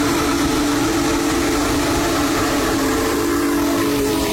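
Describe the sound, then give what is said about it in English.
Union Pacific's Big Boy steam locomotive number 4014 sounds a long, steady whistle, a loud sustained low chord that holds for several seconds over a broad rushing hiss of steam, with no voices. “Union Pacific's Big Boy Steam Locomotive number 4014 began its cross-country adventure yesterday and will be traveling to Grand Island from North Platte on Thursday, May 28th.”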